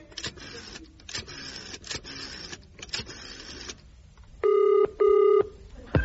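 A telephone is dialed with a series of buzzy, whirring bursts, then two steady electronic ring tones sound in a row. Loud and clear, with no voices.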